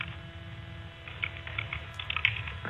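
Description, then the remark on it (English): Soft, irregular clicking of keys being typed on a computer keyboard, fairly quiet, over a steady low electrical hum with no voices. “My God, a lot of typing.”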